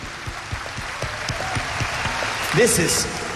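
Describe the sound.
An audience applauds a teacher with steady, dense clapping that stays at an even level throughout, while a voice briefly calls out over it near the end.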